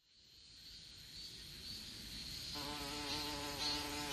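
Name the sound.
wasp buzzing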